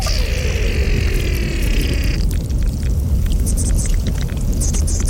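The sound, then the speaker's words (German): A recording made at the Morteratsch Glacier: steady rushing water over a deep, constant rumble, with a thin high whine for the first two seconds, then scattered crackles and ticks. No voices. “Das sind die Aufnahmen vom Morteratsch-Gletscher”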